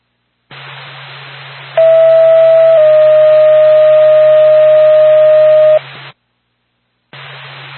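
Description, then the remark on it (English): Radio dispatch alert tones calling Lancaster Ambulance: a steady pitch held for about a second, then a slightly lower one held for several seconds, loud over hissy radio static with a low hum that briefly cuts out. “Pack 2, Lancaster Ambulance, stand by for cone.”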